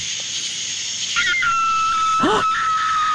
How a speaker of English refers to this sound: That's a coyote fox.